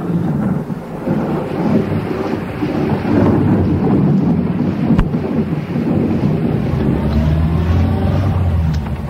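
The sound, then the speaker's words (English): A thunderstorm roars with continuous heavy rain and deep, rumbling thunder, loud throughout, with gusty wind buffeting the microphone and a sharp crack near the middle. “Then the storm began quite suddenly, and everything was thunder.”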